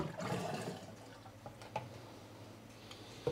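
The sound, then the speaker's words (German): Rushing water from a high-pressure jet, supplied by a sewer-flushing truck and controlled by radio remote, flushing a drain, loudest in the first moment, then settling into a steady hiss broken by a few sharp knocks and drips. “Per Funk kommt der Wasserstrahl vom Spülwagen.”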